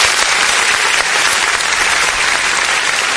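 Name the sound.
applause sound effect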